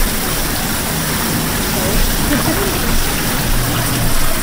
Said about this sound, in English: Yeah, this is a Hollander beater. This is our device to make paper pulp.